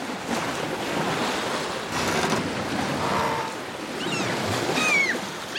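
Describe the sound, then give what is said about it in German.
A sailboat's engine drones steadily at sea, blended with rushing wind and washing waves, with a few brief high chirps near the end. “Zur Not können die nämlich auch noch einen Motor anwerfen.”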